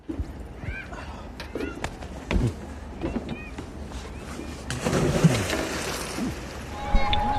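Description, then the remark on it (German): Outdoor lakeside ambience with lapping water and faint bird chirps, then a loud, broad rush of splashing as someone plunges into the water, followed by churning and dripping. “Und während ich ins Wasser springe”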